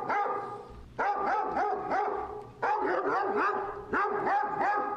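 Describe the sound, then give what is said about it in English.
A dog barks loudly and repeatedly in quick, rhythmic bursts, the yapping coming in tight clusters with brief pauses between them, unaccompanied by any voices. “Now, we're going to start with the pan lickers, those little dear little thing called doggies.”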